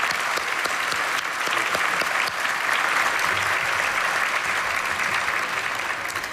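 Loud, sustained applause from a standing audience honouring theologians of the Pentecostal movement, a dense wash of clapping hands that holds steady for the full stretch without pause.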